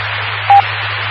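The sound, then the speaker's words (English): A single brief phone keypad beep from an accidental button press sounds over a steady wash of radio static and low electrical hum, with no talking. “Yeah, I accidentally hit the phone here.”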